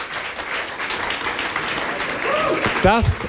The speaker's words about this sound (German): Das ist euer Applaus.